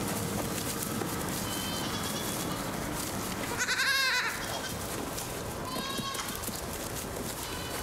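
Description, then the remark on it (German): Several young goats (kids) bleat in a busy, overlapping chorus, with one loud, quavering cry in the middle and fainter answering bleats around it against a steady barnyard background. “Aber es stimmt, die Schafe waren besser, robuster als die Jungziegen.”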